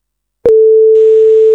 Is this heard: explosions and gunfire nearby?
no